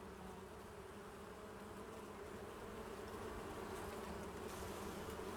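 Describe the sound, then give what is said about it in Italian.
A steady, dense hum of many honeybees buzzing together near a vineyard, continuous and even throughout, with no voices present. “anche le api hanno una funzione importante vicino ad una vigna.”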